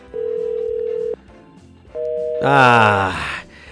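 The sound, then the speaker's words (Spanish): A phone line plays call tones while redialing a call that went unanswered: a steady electronic beep lasting about a second, a pause, then a higher tone that swells into a louder, buzzier warbling burst before cutting off. “A ver, nada más dale redial, nos da tiempo todavía, a ver.”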